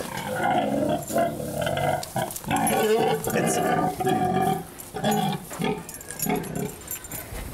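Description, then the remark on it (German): A grown pig, Frieda, grunts and oinks loudly while being made to get up and walk, in rapid, throaty bursts that run almost without pause, broken only by a few brief gaps. “So kann man ein gestandenes Schwein doch nicht rumschubsen.”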